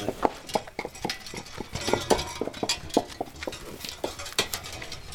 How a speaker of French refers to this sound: Oui, une calèche tirée par des chevaux. Voilà, voilà. En moyenne, c'était tiré par des chevaux ou des bœufs. Les chevaux qui étaient faisaient du bruit sur la route.